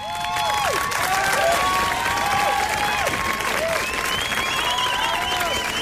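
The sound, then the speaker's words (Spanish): A big crowd gives a sustained, loud standing ovation for a storyteller, dense clapping filling the whole stretch, with whistles and scattered cheers rising over the applause. “Toda la estación se pone en pie para aplaudirla.”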